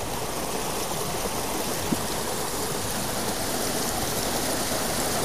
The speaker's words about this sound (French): La rivière, c'est un bonheur. Franchement.